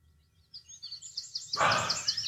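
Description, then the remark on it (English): Birds chirp and sing in a busy chorus of rapid, high-pitched tweets, starting softly and then swelling into a louder, denser flurry of calls that continues to the end. “That's what it's going to sound like in my house today. Birds.”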